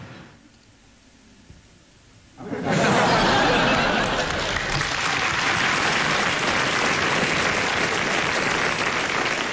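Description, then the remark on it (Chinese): A large audience at a comedic stage performance bursts into loud, sustained applause after a performer strikes a pose, following a couple of quiet seconds, dense clapping continuing steadily to the end with some laughter mixed in. “谁鼓掌了？”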